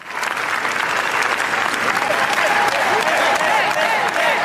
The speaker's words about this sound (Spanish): Imagínense, por cierto, que nos ponemos a aplaudir y estamos 20 minutos aplaudiendo. Bueno, pues es el tiempo que han estado aplaudiéndoles a los Javis, a Javi Calvo y a Javier Ambrosi en Cannes, en el Festival de Cannes.